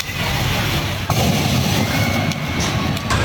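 A car in Erzurum that caught fire while being driven burns with a loud, steady rush of fire, broken by a few sharp explosive bangs and pops, one around a second in, with no one talking.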